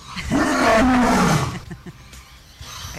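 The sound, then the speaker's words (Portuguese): A single loud, deep lion roar swells for about a second and a half, its low tone sliding downward, then fades into quiet background noise. “É assim que é o rugido do leão?”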